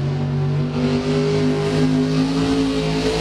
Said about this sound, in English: Truck and tractor pulls.